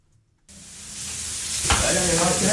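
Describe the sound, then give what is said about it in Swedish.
Food sizzles loudly in a hot pan as a restaurant owner prepares the day's lunch, starting abruptly after a brief quiet moment, with a steady crackling hiss that grows slightly more intense toward the end. “förbereder dagens lunch.”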